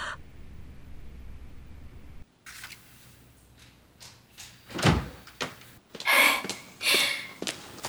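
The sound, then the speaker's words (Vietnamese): A door opens with a click and handle rattle as someone enters without knocking, followed by a few sharp knocks and thuds of movement, with faint bright squeaks; no one speaks. “Cô là vợ cũ của tôi nên có thể vào mà không cần gõ cửa hay sao?”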